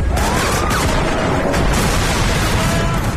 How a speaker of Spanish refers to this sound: Estos tiroteos y explosiones de vehículos no son reales, no los hemos recogido en ningún suceso que haya ocurrido durante esta jornada, por lo menos en el mundo real, aunque puede ser en el digital